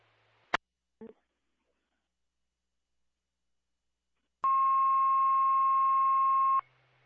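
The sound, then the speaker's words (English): A click and a short blip, then a pause, followed by a long, steady, loud harmonic alert tone held for about two seconds before cutting off abruptly: one set of radio dispatch tones dropped for unit 751 at Ridgewood Falls Hospital. “There's 751, in Ridgewood Falls Hospital, one set of tones.”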